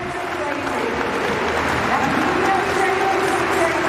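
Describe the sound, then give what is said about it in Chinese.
A large crowd at the London athletics meet claps a rhythm for American long jumper Claire Bryant before her jump, a steady, continuous wash of applause, with a man's voice talking over it throughout. “这时候呢，也是需要现场的观众去为他拍一拍节奏，打一打节拍，让他更兴奋一些。”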